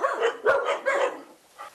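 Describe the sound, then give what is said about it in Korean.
Six dogs in the countryside at night bark in a quick, overlapping burst of sharp, mid-pitched barks, loud at first and trailing off into a fainter yip near the end. “또 짖기 시작하는 녀석들.”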